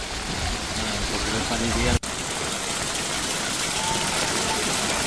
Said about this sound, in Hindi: लाठी, दामनगर और वाडिया इलाके में मूसलाधार बारिश के बाद कई गांवों और शहरों में सड़कें जलमग्न हो गई। देखिए सड़क आपको कहीं दिखाई नहीं देगी, डांबर वाली, आपको पानी ही पानी नजर आएगा।